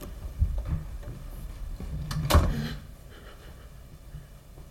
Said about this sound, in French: La porte s'ouvre maintenant.